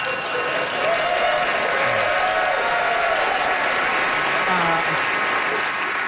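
A large audience claps and cheers on two competing contestants steadily for several seconds, dense applause with whoops rising above it, loud and sustained throughout.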